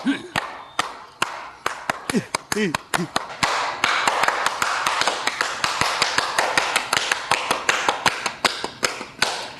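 Sharp, loud hand claps for someone's sister, sparse and uneven at first, then a quick, steady run of many claps to the end. A few short vocal sounds come through early on.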